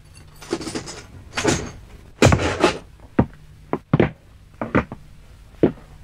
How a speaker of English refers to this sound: Yes, sir, I'll bring my chair inside the cell. Do you mind?